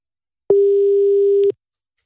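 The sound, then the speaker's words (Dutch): A single steady electronic ringback tone from an outgoing phone call to a woman, waiting for her to pick up, sounds for about one second, loud and clear, then stops into silence. No one speaks. “Even kijken of ik Cheryl kan bereiken. Even hopen dat ze de telefoon opneemt.”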